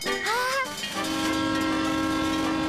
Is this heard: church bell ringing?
no